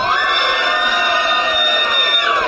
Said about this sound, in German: Habt ihr Bock zu feiern? Ja! Das finde ich gut. Ihr müsst noch ein bisschen mehr schreien, denn ich habe ein paar Bands mitgebracht.